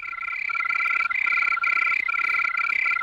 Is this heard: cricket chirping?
yes